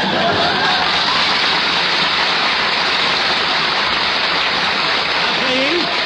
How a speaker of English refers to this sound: Please, don't applaud.